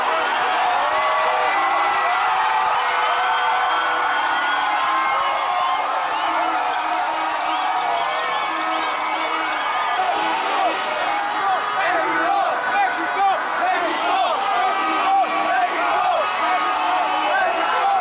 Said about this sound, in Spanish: Cada gol, cada acercamiento a la cancha del rival Ecuador, el suelo de Paseo de la Reforma se cimbró y el griterío acompañado de espuma no cesaba y miles de cabezas quedaron blancas por la explosión de espuma